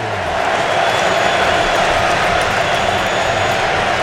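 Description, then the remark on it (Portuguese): A massive crowd of Ecuadorian fans at a football stadium in New Jersey roars continuously during an Ecuador–Germany match, with Ecuador leading 2-1, a dense, loud wall of cheering and shouting that swells in quickly and holds steady without a break. “Sinta o clima do estádio em Nova Jersey. Torcida equatoriana vai ao delírio.”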